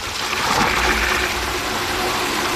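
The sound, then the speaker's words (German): Steady rushing water pours from a tap into the water tank of Gießbert, a watering robot, at a wood-clad tap station in a cemetery, a continuous hiss and splash with no pauses, no voices present. “Dort fährt Gießbert selbstständig drunter, so dass sich die Öffnung des Wassertanks direkt unter dem Hahn befindet.”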